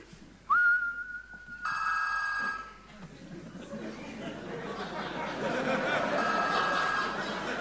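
A short, steady whistle sounds, which makes a keychain send a signal to a telephone; the telephone then rings with a bright electronic tone, which returns a few seconds later over a murmur of background chatter.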